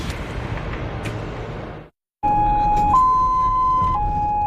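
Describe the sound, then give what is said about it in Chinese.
A steady roar of morning rush-hour traffic on Beijing's Fifth Ring Road at 8 a.m. breaks off briefly, then an ambulance speeding through the congested traffic wails its siren in a loud two-tone pattern, alternating between low and high pitches over continuing road noise. “早上8点的北京五环路正值早高峰，救护车快速穿行在车流中，不可避免的会遭遇拥堵。”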